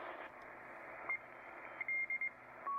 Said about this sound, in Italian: sto andando avanti sulle frequenze, sono sui 6500. Ecco, qua c'è... sentite? Sembra un codice Morse strano, soffiato. Perché? Perché siamo in AM, dobbiamo andare sulla banda laterale.